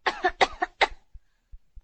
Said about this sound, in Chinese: 深呼吸，陛下。陛下能不能咳嗽一声？